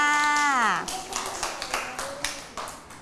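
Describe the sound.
A voice trails off, then a small group breaks into brief, scattered clapping for a child who guessed that a hidden object was an umbrella, a few quick uneven claps that fade after a couple of seconds.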